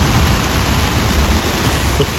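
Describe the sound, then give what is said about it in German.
Heavy thunderstorm rain drums steadily on a tent at the American Festival in Schäsel, a dense, constant hiss with a low rumbling undertone and no voices, holding an even loudness throughout. “Das ist der Sound aus dem Zelt, ja. Also da ist gerade ein fettes Gewitter über Schäsel hinweggedonnert.”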